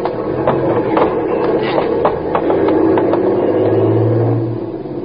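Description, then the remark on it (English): A truck's engine rumbles and whirs as it pulls away in traffic when the traffic light changes, with people grabbing hold of it to hitch a ride; steady and fairly loud, with sharp clanks and taps scattered over the drone and a low tone rising near the end. “That truck there looks okay. Yeah, we're just going to grab onto it.”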